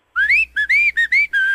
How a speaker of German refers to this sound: Das fröhliche Pfeifen.